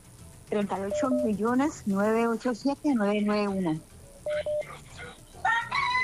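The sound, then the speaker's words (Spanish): A rooster crows a few times in a row, long strained calls that rise and fall, heard through a thin, crackly line, followed by a short pair of electronic beeps. “Otro gallo, vea.”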